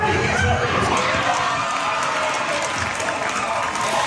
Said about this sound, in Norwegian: Det var jubel mange steder i går, mellom andre på Karls i Oslo, som vi hører her. For når en debutant står imot en av VM sine største favoritter, så sjokkerer det fotballverden. Spania ble rystet av VM-debutant Kapp Verde.